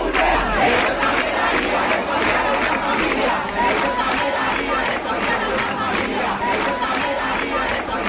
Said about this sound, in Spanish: En la Puerta del Sol siguen protestando por el precio de la vivienda, de los alquileres y de todo lo demás.